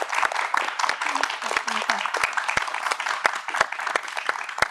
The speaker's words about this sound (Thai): ขอเสียงปรบมือให้ด้วยนะครับ